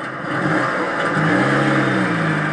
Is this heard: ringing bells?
no